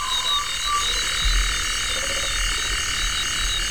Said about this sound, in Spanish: Un sapo, también hay sapo. Sí, y una polluela africana.